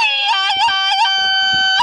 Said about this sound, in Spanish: primero yo quiero que usted se aviente un grito, pero de un grito de ese que se escuche todo, de borracho, que se escuche todo el rancho y que se oiga la coyotera,